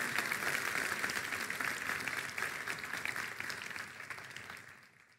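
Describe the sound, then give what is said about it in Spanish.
A crowd breaks into sustained applause, dense overlapping claps continuing steadily before slowly fading out toward the end. “Vamos, si vas a aplaudir algo con más ganas.”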